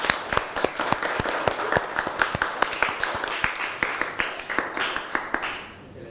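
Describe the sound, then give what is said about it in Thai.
A crowd applauds a video presentation steadily, many hands clapping in a dense patter with a few sharper, louder claps standing out, then thinning and fading at the end. No one speaks. “ขอเสียงปรบมือให้กับสื่อวิทัศน์ในครั้งนี้ด้วยค่ะ”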